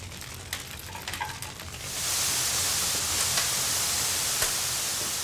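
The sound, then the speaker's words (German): Molten metal poured into a casting mold: a few faint clicks and taps, then a steady, loud hissing sizzle that starts abruptly and holds evenly to the end, with no voices. “Kann ich die Gussform halten oder muss ich befürchten, dass du mir das flüssige Metall über die Finger gießt,”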